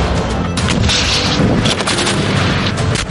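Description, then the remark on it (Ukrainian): Loud gunfire with several sharp shots cracking over a heavy, continuous rumbling roar, like a battle. No voices can be heard. “Постріл!”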